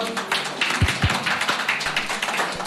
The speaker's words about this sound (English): Maybe we can give a round of applause.